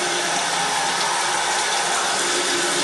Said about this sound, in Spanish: Ay, fue la mañana. Hoy está buena el agua. Oye. Oye, qué buen aguacero hijo, en la mañana. ¿Eh? Está buena el agua. No más.